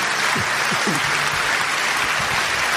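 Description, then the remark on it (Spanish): An audience breaks into steady applause, a dense wash of many hands clapping at an even, loud level, with a few faint voices calling out beneath it; the applause is offered to God during a sermon. “Dale un aplauso a Dios si tú puedes.”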